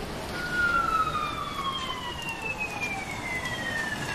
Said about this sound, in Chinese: 刚才听到了警笛